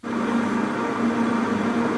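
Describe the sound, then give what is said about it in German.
Granite mills grinding Tencha tea leaves into matcha powder, about 50 grams per hour: a steady, continuous mechanical drone with a low, even hum and a dense rushing texture, holding the same level throughout with no voices. “So hört sich der letzte Schritt an auf dem langen Weg zu dem Pulver, das die Welt erobert hat.”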